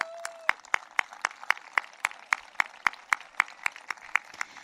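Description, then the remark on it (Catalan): An audience applauds in tribute to Josep Vilalta, its clapping falling into a steady, even rhythm of sharp claps at a moderate level over a constant crowd wash, with no talking. “Jo fins i tot faria un aplaudiment per ell.”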